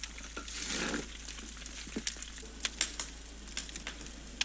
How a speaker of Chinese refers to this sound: 十来分钟以后，锅里头的米跟叭叭发出那个锅巴的声音的时候，这个时候咱们的焖饭就熟了。